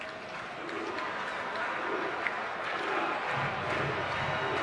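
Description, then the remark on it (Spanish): A baseball stadium crowd claps in a steady rhythm and cheers on batter Sagnero, number 9, a dense, continuous roar of many voices holding at an even, moderately loud level for several seconds. “El público aplaudiendo rítmicamente, haciendo ruido, animando a Sagnero, el intocable, con el número 9 en la camiseta del uniforme”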